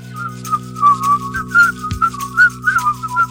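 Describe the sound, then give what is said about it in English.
A person whistles a lilting melody, the clear pure tone gliding between notes in short phrases, with a soft low hum running steadily underneath. “No, I was whistling.”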